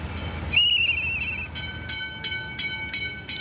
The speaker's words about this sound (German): So einen alten Schienenbus kennen vielleicht noch einige. Damals hat er die Dörfer miteinander verbunden. Aber jetzt geht es hier auf der alten Strecke zwischen Lütjenburg und Malente um die Mobilität der Zukunft.